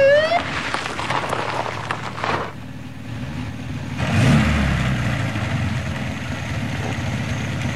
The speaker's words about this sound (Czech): Černozelený Mercedes. Bílé horko. Zelený porost. Mercedes 220. Dojíždí a zastavuje.